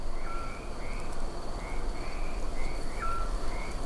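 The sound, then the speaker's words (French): A chorus of frogs and toads calling, with the regular, higher-pitched call of a toad repeating every half second or so over a steady, noisy night-time background. No one speaks. “Et le son régulier, plus aigu que vous entendez, c'est celui du crapaud.”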